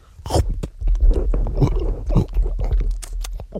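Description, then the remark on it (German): Chewing and biting on tough, chewy edible underwear, with irregular wet smacks and small crunches repeating steadily for several seconds, loud, with no talking. “Sehr zäh. Ja, nun. Ja, und man kann gar nicht richtig abbeißen irgendwie und...”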